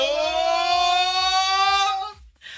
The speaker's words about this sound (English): No, let us do the alarm first.